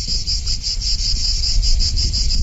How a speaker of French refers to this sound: D'ailleurs, ici, on peut parfois entendre le chant des cigales.